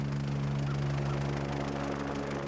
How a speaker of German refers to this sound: Er hat ein bisschen Angst vor dem Hubschrauber natürlich, das Geräusch.